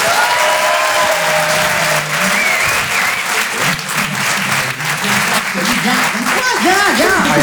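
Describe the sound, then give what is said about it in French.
Loud, sustained applause from the audience at the Rire et Chanson Comedy Club at the Grand Point Virgule, welcoming the comedy act Les Glandeurs Nature; a dense wash of clapping that holds steady throughout, with some cheering and voices mixed in toward the end. “Je vous demande d'applaudir très très fort, s'il vous plaît, les Glandeurs Nature.”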